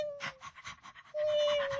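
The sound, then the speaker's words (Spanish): A small pet dog pants in quick, rhythmic breathy bursts, around eight or nine in under two seconds, with a thin steady whine-like tone running beneath and growing louder toward the end. “Un perrito y una gatica.”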